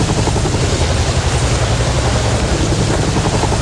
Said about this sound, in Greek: Το ελικόπτερο δεν μπορεί να γίνει αντιληπτό από τους μαύρους καπνούς, γιατί η φωτιά καίει ανακυκλώσιμα υλικά.